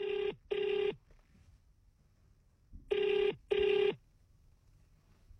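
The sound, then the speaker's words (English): A telephone ringback tone sounds in two double bursts, ring-ring, a pause, then ring-ring again, clear and steady with no voices over it, as a call is placed to a listener with a correct answer. “Oh, do you hear that? It's ringing.”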